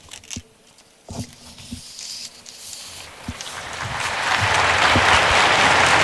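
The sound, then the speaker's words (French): A large crowd of more than 20,000 pilgrims in Saint Peter's Square breaks into applause, starting with a few scattered claps and swelling into a dense, continuous roar of clapping that grows louder toward the end. “Et les pèlerins sur la place Saint-Pierre applaudissent.”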